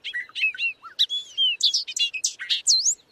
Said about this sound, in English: Loggerhead shrike. Stuck on a raptorial passerine, this bad boy is a songbird that hunts.